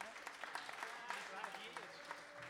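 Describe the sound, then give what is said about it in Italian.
A concert audience claps for a live band, asked to give five claps, in a dense, steady burst, many hands overlapping with sharp irregular slaps that continue throughout, with faint cheering voices mixed in underneath. “Se vi stiamo piacendo 5, fate 5 applausi.”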